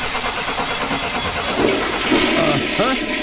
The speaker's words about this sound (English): Hey, thanks for taking a look at my car so quickly. Okay, start it up.